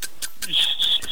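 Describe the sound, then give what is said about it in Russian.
A voice imitates a kettle about to boil as a sound-imitation challenge: short breathy hisses build into a thin, steady high-pitched whistle that wavers slightly, fairly loud, with no other talking. “Чайник, который вот-вот закипит.”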